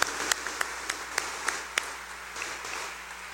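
Soft applause from a church audience at a Mass, congratulating birthday celebrants: a steady wash of clapping with a few sharper individual claps standing out at irregular intervals, fairly quiet and with no voices over it.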